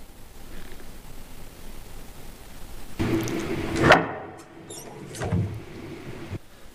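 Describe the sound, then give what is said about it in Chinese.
A house door creaks open for a visitor, a short squeaky hinge sound followed by a soft bump and rustle, after a few seconds of quiet room hiss. No one speaks. “去开门，去吧。”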